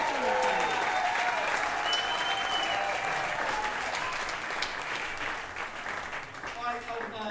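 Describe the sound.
An audience claps steadily for several seconds, a dense, even wash of applause that stays loud throughout and thins only slightly near the end, with faint voices mixed in.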